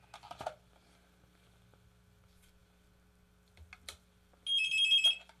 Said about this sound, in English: I'm having trouble getting the other phone to hang up because the cord's gotten wound on me.